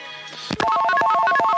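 A telephone rings in the Echo of Moscow (Ekho Moskvy) live radio studio with a bright electronic trill, rapidly alternating between two pitches in a steady warbling pattern, fairly loud, preceded by a brief muffled clunk, with no voices; a listener calling in.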